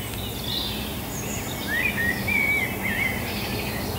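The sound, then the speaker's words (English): Several birds sing at once in an early-morning dawn chorus on farmland by Cork Harbour, thin whistled phrases and chirps weaving over a steady low background rumble of traffic, fairly quiet. “these are the species you'd expect to kick off the dawn chorus each year.”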